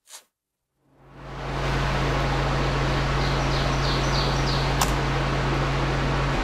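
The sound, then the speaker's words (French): Riverside ambience at La Cavée, a salmon pool on the Ouelle River in Bas-Saint-Laurent, where the river winds between two rock walls: a steady, full rush of flowing water fades in after a short click, with a low constant hum underneath and faint high chirps drifting through. “Nous sommes à la Cavée, une fosse à saumon bien connue des pêcheurs sur la rivière Ouelle.”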